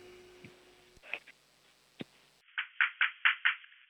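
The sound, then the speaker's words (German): Five firm, evenly spaced knocks on a door, done by a six-year-old boy from Vienna on a radio show in place of a doorbell, ring out loudly in quick succession near the end, after a stretch of faint clicks and shuffling. “Okay, dann musst du zur Tür gehen und anklopfen, aber so richtig laut.”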